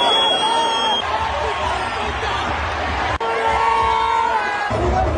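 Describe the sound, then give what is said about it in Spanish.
A large stadium crowd of fans roars and shouts continuously at the América versus Rayadas women's Clausura 2026 final return leg at Estadio Ciudad de los Deportes, a dense wall of voices with scattered whistles and cheers rising through it, including insults at the referees, loud all the way through. “Esas son algunas recopilaciones sonoras de lo que la gente a mi alrededor estaba gritando, incluyendo los insultos al arbitraje que sí fue cuestionable, pero todos fueron misóginos y hasta su gordofobia sacaron”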